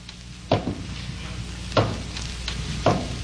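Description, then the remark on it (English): Three hollow footsteps thud at an uneven, slow pace at the mysterious Willoughby place, a supposedly haunted house, each with a short resonant knock, over a steady low hiss of background noise. “Then there were hollow footsteps.”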